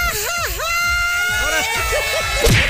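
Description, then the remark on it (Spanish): A woman lets out a loud, drawn-out Mexican mariachi grito, a high yell whose pitch swoops up and down before breaking into quick warbling yips, with faint crowd noise behind. “Quiero un grito mexicano de mariachi.”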